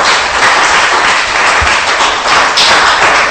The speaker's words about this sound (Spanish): Ojo, dele palmas, pues le va a dar palmas al Rey.